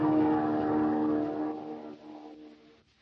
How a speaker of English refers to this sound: Listen, I hear a plane.